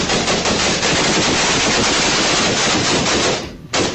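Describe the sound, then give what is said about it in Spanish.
Loud, sustained automatic gunfire from an attack of about 200 shots rattles almost continuously for several seconds, dense overlapping shots, briefly dropping out near the end before another blast; no voices. “Fueron cerca de 200 disparos, donde hasta uno de los mismos atacantes resultó herido con esas mismas balas.”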